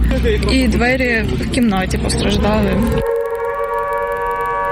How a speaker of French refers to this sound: Plus tard dans la matinée, les sirènes retentissent à nouveau à travers Kiev. Rappel pour les habitants que la menace de nouvelles frappes russes est désormais constante.